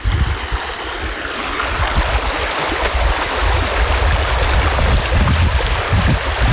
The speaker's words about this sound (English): and we took our shoes and socks off, and we sat on a grassy bank, and we dipped our feet in the water, but I recorded the water. This will calm you.